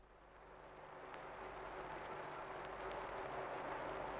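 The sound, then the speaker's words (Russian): A steady, rumbling drone of airplanes on an old archival tape recorded in August 1941 with an army division in wartime, broad and noisy with a low hum underneath, swelling slightly louder over a few seconds with no voices. “И вот закружилась старая пленка, и из далекого прошлого доносится до нас рокочущий гул самолетов.”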